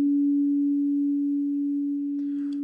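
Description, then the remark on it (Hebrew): A clean, steady synthesized tone holds at one low-mid pitch for the whole clip, loud and unwavering, with a faint scratchy rustle creeping in near the end. “אגב, הצליל הטהור של 285 הרץ נשמע כך, זה הגרסה המסונתזת שלו, הנקייה, 285 הרץ, זה צליל שיוצא בין רי לדו דיאז, ממש בין לבין.”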